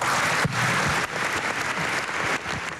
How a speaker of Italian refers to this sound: Bene, questo è l'applauso, l'applauso dell'Aula. E, è cominciata alla Camera la presenza del Capo dello Stato Sergio Mattarella alla cerimonia celebrativa sulla seduta inaugurale dell'Assemblea Costituente.